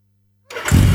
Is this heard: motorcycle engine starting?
yes